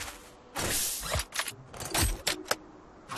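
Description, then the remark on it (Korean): Crinkly rustling and rummaging as items are shuffled around inside a plastic bag while someone searches for a needed item, with a series of irregular bursts and a few soft knocks, moderately loud. “내 깜짝 비닐 가방 안에 딱 필요한 물건이 있거든.”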